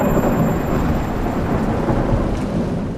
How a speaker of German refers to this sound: Und wieso donnert es dabei? Es donnert tatsächlich, weil der so heiß ist.